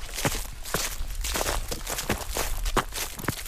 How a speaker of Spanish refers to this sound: Y tras la cima, bajo rápido por estos robledales y pisando ya las hojas que el otoño va dejando en el suelo.